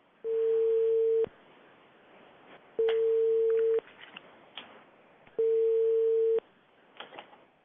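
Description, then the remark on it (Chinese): A telephone ringback tone sounds while a live hotline program calls the Wugang municipal government office: three steady, clear beeps, each about a second long and evenly spaced, with faint background noise in the gaps. “嗯，好，您稍等啊，我们现在正在拨打电话。”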